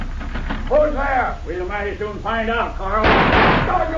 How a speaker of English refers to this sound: Oh, you blasted fool! Fire bullets through the door, Cisco.